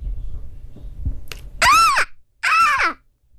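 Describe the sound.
The speaker's young daughter imitates a seagull call, two loud, high, arching squawks about a second apart, after a brief low rumble.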